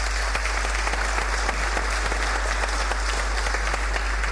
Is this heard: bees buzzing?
no